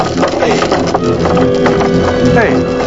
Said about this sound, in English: Suddenly, the ring gets dragged away on the surface of the water. The chain uncoils from a pile near the men.